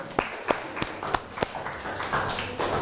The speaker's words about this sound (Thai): ขอเสียงปรบมือและขอขอบคุณตัวแทนนักเรียนค่ะ